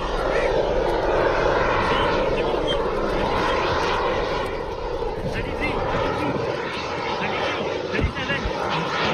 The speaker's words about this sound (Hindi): कानपुर में दिव्यास्त्र Mark 3 एक सफल उड़ान भरी है जिसमें स्वदेशी जेट पावर इंजन का इस्तेमाल किया गया है। ये पूरी तरह से स्वदेशी इंजन और सिस्टम के जरिए दिव्यास्त्र Mark 3 का सफल परीक्षण हुआ है।